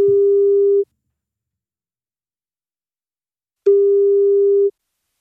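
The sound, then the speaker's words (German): A steady telephone ringback tone sounds twice during an outgoing call from a radio station to a listener in the Munich region, each beep about a second long with a few seconds of silence between, clear, with no voices. “wenn bei euch das Handy oder Festnetz klingelt, das könnten wir sein”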